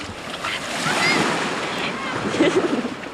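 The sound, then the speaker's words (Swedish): Steady sloshing and splashing of shallow water at the shoreline as a person splashes in the water, with waves washing in the background and a brief bit of voice near the end. “nu får vi höra lite när du plaskar i vattnet”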